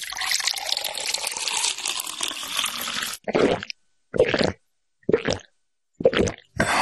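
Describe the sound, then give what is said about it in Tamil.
Water pours steadily for about three seconds, then a series of five gulping swallows follows in an even rhythm, clear, with no talking; water is given to two people to drink. “நீங்க ரெண்டு பேரும் முதல்ல இந்த தண்ணிய குடிங்க, அப்புறம் நான் சொல்றத கேளுங்க.”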